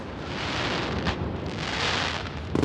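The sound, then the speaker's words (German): Fireworks rockets exploding in a dense, continuous rumbling roar, with one sharp burst midway and a quick flurry of crackling pops at the end. No one speaks. “Ich habe noch nie Feuerwerk so erlebt.”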